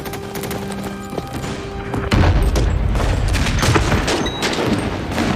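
Sustained gunfire crackles in dense, overlapping bursts, with heavy booms and rumbling impacts joining in after a couple of seconds, like a battle raging, from fighting involving the Red 34th Division.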